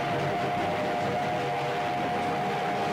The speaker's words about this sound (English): I'll play a little bit here for you, and you will hear the train and see, well, if you go on YouTube, you'll see the visual of the train passing through a little tunnel. There it goes.